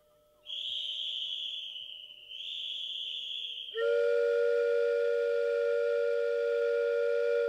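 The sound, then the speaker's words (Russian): Two high, shrill whistle blasts are followed by a loud, sustained steam locomotive whistle with a rich, chord-like tone that holds steadily to the end as the train departs, dominant with no talking. “Разрешите нам хоть на подножке паровоза.”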